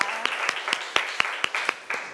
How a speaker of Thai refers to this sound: เอาขอเสียงปรบมือเป็นกำลังใจให้เพื่อนของเราหน่อยนะคะ